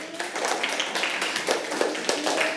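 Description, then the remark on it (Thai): A group of children clap their hands together in a busy, uneven patter of sharp slaps that runs steadily throughout, with no voices heard. “ปรบมือกับเพื่อนค่ะ”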